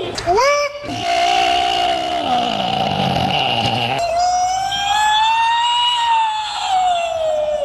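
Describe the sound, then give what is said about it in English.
A loud human voice imitates a wailing siren and a bird, sliding its pitch up and down in long sustained howls with a few abrupt shifts, and no other sounds around it. It is a contest entry judged by experts from the International Cryptozoology Museum and the Maine Bigfoot Foundation. “Sounds like a siren and a bird.”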